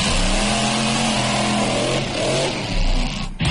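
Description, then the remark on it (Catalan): A stunt car engine revs loudly and steadily, its pitch rising and falling as it accelerates, with a brief throaty surge near the end and no voices present. It is at the Motor Show Extreme, a stunt and extreme driving show at the karting grounds in Coma-ruga. “Aquest és un espectacle que reuneix diversos especialistes del món del motor que protagonitzen això, exhibicions de conducció extrema amb cotxes i motocicletes espectaculars.”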